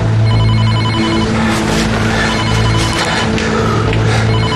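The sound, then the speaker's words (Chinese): A telephone rings steadily and loudly against a dense, continuous rumble of background noise, with no voices heard. “你接电话”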